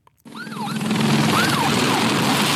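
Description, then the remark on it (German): A fire brigade siren wails in rising and falling sweeps over a steady, loud engine rumble, starting abruptly after a brief silence and continuing throughout, during wildfires in France. “Die Sirenen, Motoren von Löschflugzeugen, Helikoptern und den Wasserpumpen der Feuerwehrfahrzeuge.”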